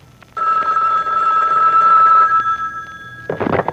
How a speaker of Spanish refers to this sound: cuando suena el teléfono hasta el dolor de pata se la quita, véanlo.